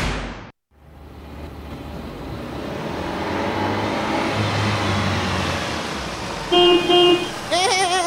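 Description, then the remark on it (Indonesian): A car engine rumbles as the car approaches, its noise swelling steadily and then holding, followed near the end by two short bursts of a car horn. “Masya Allah, gagana ini mobil ta Pak Rahmang.”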